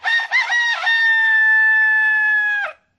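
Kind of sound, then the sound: bird, rooster crowing loudly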